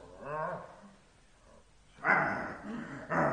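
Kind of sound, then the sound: animal, dog barking and whimpering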